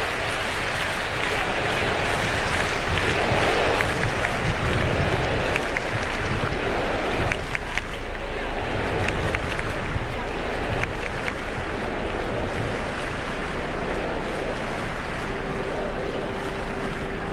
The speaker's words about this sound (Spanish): Bueno, por lo pronto ya completamos 2 minutos de ovación. Papá, con sus manos juntas, cierra por un momento sus ojos, inclina su cabeza. Y aunque el micrófono y el ritual ya están delante de él, el aplauso de la gente